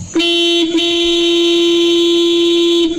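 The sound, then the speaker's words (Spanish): A loud, sustained car horn blares steadily for nearly three seconds, with a brief dip in the middle before it resumes at one constant pitch. No one talks over it. “Sí, es un pito fuerte, un pito largo”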